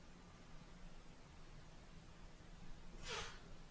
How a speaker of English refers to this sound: Forgive me, I'm going through a sneezing fit.